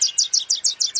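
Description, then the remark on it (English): A Wilson's warbler sings a rapid, evenly spaced series of about seven bright, high chirping notes, clear, with no voices or other sounds around it. “So, if you're a coffee drinker and you choose to buy shade-grown coffee, you're helping to preserve the wintering grounds of Wilson's warblers and many others.”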